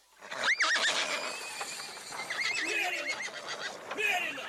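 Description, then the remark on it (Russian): A gelding horse being led out whinnies loudly, a shrill quavering neigh followed by more snorting whinnies, with a faint clatter of hooves underneath. “Мерина выводит!”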